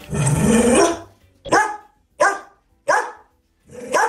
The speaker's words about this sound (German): Das ist Cora, wenn sie in Nüstal bellt.